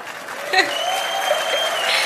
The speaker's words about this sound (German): Wisst ihr, was das Schöne ist, dass wir alle zusammen, 46.546 begeisterte Menschen hier in der Immer wieder Sonntagsarena, alle eingeladen sind zum 100. Geburtstag und das ist euer Applaus.